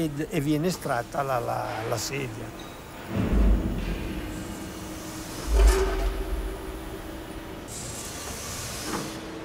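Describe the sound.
An injection mold opens after cooling with a hiss of machinery, followed by two dull low thuds as a one-piece polypropylene monobloc plastic chair is pulled out; a voice speaks briefly at the start over steady industrial noise.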